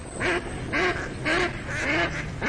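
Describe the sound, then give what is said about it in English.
Ducks quack repeatedly in a steady rhythm, about five nasal calls evenly spaced over a couple of seconds, clear against a faint outdoor background. “Do you hear that? Now that's music to my ears. Time to gear out for bird season.”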